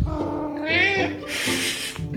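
A cat named Ollie, just in from outside at 6 o'clock dinner time, lets out a drawn-out, rising meow demanding food, followed by a breathy, hissing rush of noise, with no talking.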